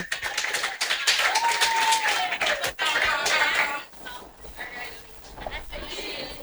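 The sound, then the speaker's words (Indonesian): A crowd claps steadily to welcome a presenter, in a dense, crackling patter, with a brief rising-and-falling whistle early on and voices mixed in as the applause thins toward the end. “Tepuk tangan, okay, dulu tepuk tangan dong.”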